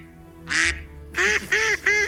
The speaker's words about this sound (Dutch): Ja, je hebt goed gekwakt